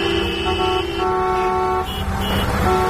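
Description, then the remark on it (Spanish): Cars on the busy national road 501 rumble past in the afternoon, returning to their towns, with several car horns honking in long overlapping blasts throughout. Loud and continuous, with no talking. “Pues esa misma carretera estaba esta tarde llena de coches volviendo a sus pueblos.”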